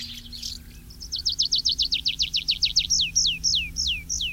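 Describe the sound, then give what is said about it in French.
Tree pipit song: a fast series of bright, high chirps that slows into longer, descending slurred notes, clear and fairly loud over a low steady hum, with no talking. “Tiens, voilà un oiseau qu'on ne voit qu'en été aussi, comme les hirondelles, c'est le pipit des arbres, qui fréquente les forêts claires, qu'on va poser sur des arbres, s'envoler et redescendre en faisant son vol en parachute.”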